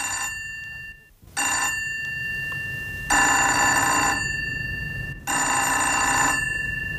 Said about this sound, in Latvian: Zvana telefons. Necel klausuli.